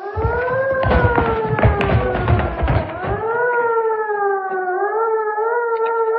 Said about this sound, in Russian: Много раз за службу слышал я этот сигнал боевой тревоги. Не раз он поднимал меня из теплой постели и бросал в кромешную осеннюю слякоть, в зимнюю пургу, в теплый летний ливень и в невыносимую июльскую жару.